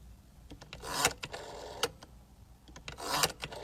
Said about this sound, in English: She said, how about this one, the rotary phone?